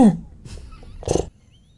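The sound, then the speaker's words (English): A person imitates a horse neighing, saying something in 'neigh': a brief falling whinny opens, followed by a couple of breathy, snorting bursts, the last one loudest before it cuts off. “And so, in this interview with a couple of really famous British podcasters, they've said to her, "Can you say something in neigh? Listen to this."”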